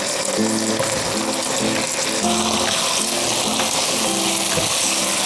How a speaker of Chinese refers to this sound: 10分钟的时间差不多了，我们看一下，把青红椒下入锅中翻炒一下。